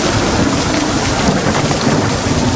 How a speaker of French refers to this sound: En quelques instants, c'est tout le ciel qui s'effondre. L'orage éclate, violent, immense.